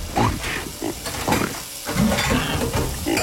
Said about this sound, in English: here's a pig doing the dishes.